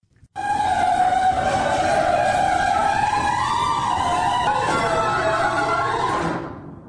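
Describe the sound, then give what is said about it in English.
An old garage door, before nylon rollers were installed, grinds and clanks along its rollers for about six seconds, a loud, continuous metallic scraping with a wavering high squeal on top, cutting off abruptly as the door stops. “play the first audio file of what it used to sound like in my garage”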